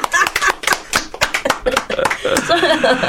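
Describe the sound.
A quick, slightly uneven run of sharp hand claps, about a dozen crisp slaps, mixed with people talking, the voices carrying on more steadily as the claps thin out.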